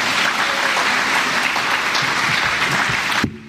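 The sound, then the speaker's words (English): At a Boys and Girls Club event, a crowd applauds steadily, a dense wash of hand claps at a constant loud level for about three seconds, then breaks off abruptly, leaving a brief low murmur. “Can we give a round of applause for Ms.”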